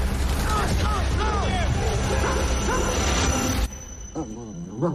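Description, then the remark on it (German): A war-veteran dog plagued by nightmares, in Alaska, whimpers and yips in short, repeated high-pitched cries over a loud, steady rumble that cuts off abruptly, after which a person speaks quietly, soothing it after a nightmare. “Beide, auch sein Hund, sind Kriegsveteranen.”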